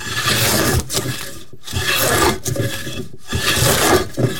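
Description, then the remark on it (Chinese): Wood carving with a chisel and rasp in Sanyi: loud, harsh scraping strokes on wood, each lasting about a second or more, separated by brief pauses, with no voices. “在三义从事雕刻艺术15年，喜欢的并不是听见客户对于作品的赞叹，而是听见自己专注的声音。”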